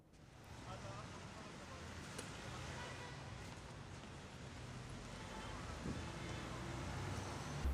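A large electric generator engine runs steadily and close by, a continuous heavy rumble with a low droning hum that holds level and swells slightly louder toward the end.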